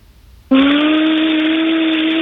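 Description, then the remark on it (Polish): An 11-year-old girl's voice imitates a vacuum cleaner, starting abruptly with a steady, breathy whooshing hum that holds one pitch and stays loud for nearly two seconds. “A teraz w nagrodę dla nas jeszcze wykonaj odgłos odkurzacza, poproszę”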